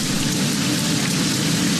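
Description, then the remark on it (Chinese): Steady rain pours down in a forest where sparrowhawk chicks wait in their nest for their mother, a dense, even hiss that holds at a constant loud level throughout, with no voices and no breaks in the downpour. “雨来了，雏鸟们乖乖等候着妈妈。”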